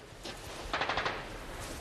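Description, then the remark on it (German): Gunfire crackles in a quick, uneven burst as the other side returns fire: a lone shot, then a rapid cluster of several sharp reports, and one more crack at the end, all fairly faint with no voices. “Sie erwidern das Feuer.”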